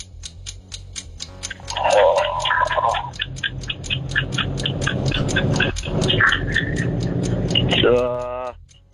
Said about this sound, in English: The clock got loud there, didn't it? Can't do it. Deafening.